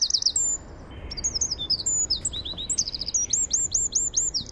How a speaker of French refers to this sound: Il fait 9 cm du bout du bec au bout de la queue, mais bien étiré, hein, parce qu'en fait, il est tout rond, il a la forme de l'œuf dont il est issu, et il a un chant d'une puissance. On va l'écouter. On va l'écouter, le troglodyte mignon.